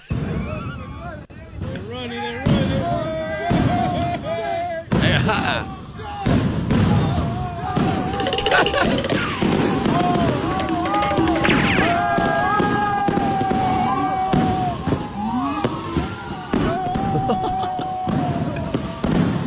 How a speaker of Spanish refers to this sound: Unos argentinos tiraron fuegos artificiales en la calle de Nueva York y los canas salieron corriendo.